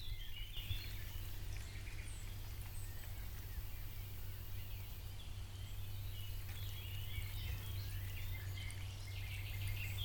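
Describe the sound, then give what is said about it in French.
Small birds chirp and twitter continuously in the open air, several high calls overlapping over a steady low outdoor rumble. “Alors, on va juste écouter un petit peu là, ce qu'on entend là, des petits oiseaux.”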